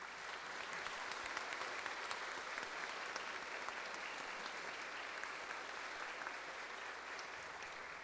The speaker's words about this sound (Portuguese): Então, se puderem levantar as mãos os jovens universitários da PUC, viu? Porque tem universitários nossos aqui também, né? Isso, vamos acolher eles com uma salva de palmas.